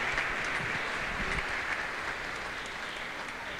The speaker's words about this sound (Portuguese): Uma salva de palmas, parabéns aqui também, Deus abençoe.